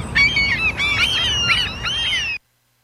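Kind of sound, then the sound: bird, seagulls calling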